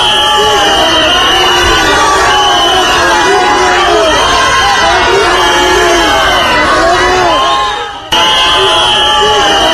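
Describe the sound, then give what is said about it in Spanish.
A large, loud crowd cheers, applauds and whistles at Spanish politician Marlaska, shouting continuously with many voices overlapping and a sustained high whistle running through the din, briefly dipping near the end before resuming. “Insisto, Marlaska, aplaudido por los invasores y silbado por los españoles.”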